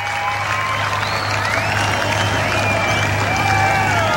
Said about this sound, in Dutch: En ondertussen roept het publiek: we want more.